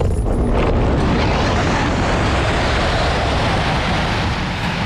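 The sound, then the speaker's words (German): A loud, steady roar of rushing air and low rumble as a two-seat glider is hauled steeply upward by a winch tow cable on a winch launch, continuous throughout, with no voices. “Das Zugseil vor dem Flieger wird straff und zieht uns steil in den Himmel.”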